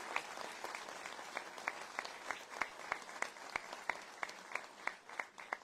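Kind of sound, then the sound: crowd, crowd applause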